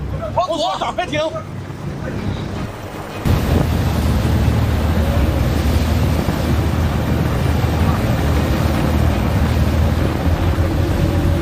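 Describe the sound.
A man's shouting voice gives way to a sudden, loud, sustained roar of a boat's six engines at full throttle as it turns hard and flees, mixed with rushing wind and water noise that continues steadily to the end.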